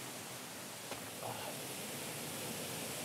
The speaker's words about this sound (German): Und hier bei diesem Grunas Wasserfall hat Instagram auf gar keinen Fall zu viel versprochen.